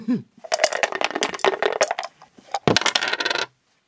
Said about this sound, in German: So, Kater, ich bin dran. Ah. Würfeln.